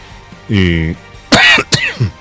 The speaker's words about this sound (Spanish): Bueno, la tos me sigue apurando. No, ahí seguimos apuraditos con la tos.